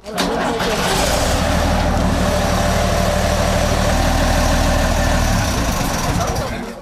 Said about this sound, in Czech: Je to poměrně zvláštní říct, ale oba ty vozy teď vlastně voní novotou, protože renovací prošel opravdu každý šroubek a například takto zní opravený autobus Škoda 706 RO.